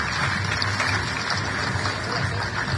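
An audience applauds, a dense, steady wash of clapping that holds at an even, fairly loud level for about three seconds with no one speaking. The applause is for the general manager of FEXPO Cruz, a trade fair organisation in Santa Cruz, Bolivia.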